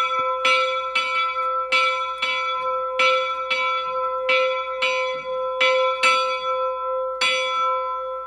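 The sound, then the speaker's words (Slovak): A small sanctus bell of the church in Liptovský Ján, set swinging by hand, rings steadily, about a dozen bright strikes at an even pace, each leaving a sustained metallic hum that blends into a continuous ringing tone. No voices are heard. “Takto zvoní sanktusník v Liptovskom Jáne, tak sme ho rozpohybovali.”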